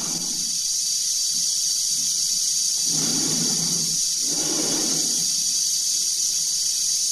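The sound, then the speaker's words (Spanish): Two slow, heavy breaths roughly a second apart over a constant bright radio hiss: an astronaut breathing inside a helmet in a space capsule, amplified through the transmitters. “cuya respiración se amplifica por los transmisores.”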